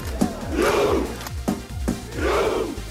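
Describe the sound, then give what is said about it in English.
Norwegian football fans on Miami Beach perform their Viking chant ahead of the England v Norway World Cup quarterfinal: sharp percussive claps or drum hits punctuate two loud, swelling group shouts, with a rhythmic beat underneath. “England and Norway fans have been partying together here on Miami Beach ahead of tonight's World Cup quarterfinal, with the Norwegians even performing their famous Viking row.”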